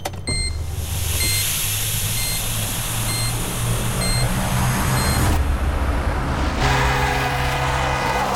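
car in street traffic

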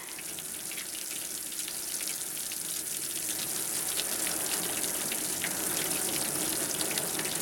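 heavy rain pouring down

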